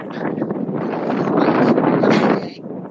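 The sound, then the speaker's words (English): Gusty wind, gusting above 20 miles per hour on a sunny day in New York City, buffets an outdoor microphone with a loud, rough roar that builds and swells for a couple of seconds, then drops away abruptly near the end. “I was looking at the wind gust because it is gusting above 20 miles per hour where you are”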